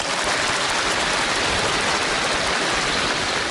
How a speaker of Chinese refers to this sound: 您各位是先鼓掌后欣赏。